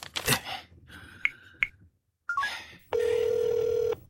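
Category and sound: signal or alarm, telephone keypad dialing tones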